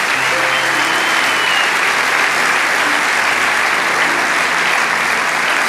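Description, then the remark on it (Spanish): An audience applauds during a sermon, a dense wash of many hands clapping at an even, loud level without pause, with no clear voices rising above it. “Vamos, dale ese aplauso.”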